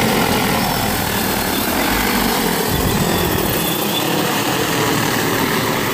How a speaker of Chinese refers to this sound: 今年刚引进了无人机喂虾，这一下就让养虾效率翻了好几番。